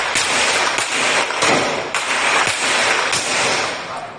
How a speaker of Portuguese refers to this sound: No Rio de Janeiro, policiais foram recebidos a tiros em uma operação contra a facção que domina o Complexo da Maré. 25 bandidos foram presos. Se abaixa, coroa! O dia amanheceu sob tiros no Complexo da Maré.